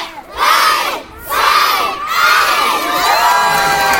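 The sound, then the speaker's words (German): A crowd of children shouts and cheers excitedly as they storm the castle of a new inclusive playground at its opening in the Kurpark in Oberstdorf, Germany; loud, high-pitched voices overlap in several surging bursts with brief dips between, continuous. “Mit lautem, begeisterten Geschrei stürmte eine ganze Meute Kinder die neue Burg in Oberstdorf.”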